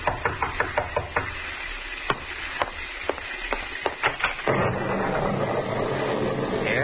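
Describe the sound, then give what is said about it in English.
A series of sharp wooden knocks on a door on a dark, stormy night, quick at first and then more spaced out, distinct over a low background rumble, followed by a steady rushing noise like wind or an opening door. “And as you sit by your fireside, you're startled by a knock on the door.”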